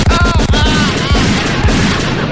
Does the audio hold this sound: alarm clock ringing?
no